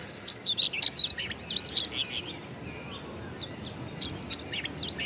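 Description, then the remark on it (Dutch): Two common whitethroats sing territorial song, quick, scratchy warbling phrases in overlapping bursts, answering each other, clear against a soft outdoor background with no talking. “Twee grasmussen die een beetje tegen elkaar aan het zingen zijn om het territorium af te bakenen.”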